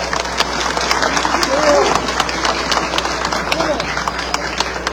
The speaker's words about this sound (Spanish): Pero para que ella se sienta bien con ese calorcito de todos ustedes, le brindamos un fuerte aplauso, por favor.